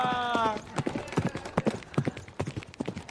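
Horse hooves clip-clop in a steady, uneven rhythm of sharp knocks, preceded by a brief high tonal call at the very start.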